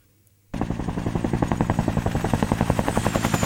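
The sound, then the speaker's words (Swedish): A helicopter starts up abruptly after a short quiet moment, its rotor beating in a fast, steady thump with a loud engine whine, sustained. “Det började för flera år sedan med anonyma konsulter för globala datajättar som kom till Gävle i helikopter på jakt efter mark och elektricitet.”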